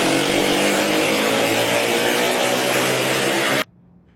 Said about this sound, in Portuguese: Os policiais iniciam a perseguição. Nas imagens é possível ouvir o barulho do escapamento de uma das motocicletas.